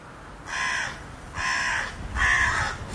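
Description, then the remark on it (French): Three harsh crow caws in a steady sequence, each about half a second long, clear against a quiet outdoor background with no one talking. “Il a une friandise, un petit poussin dans la main pour rappeler la buse qui a fait une première attaque sur les corneilles et puis qui là est posée dans le chêne.”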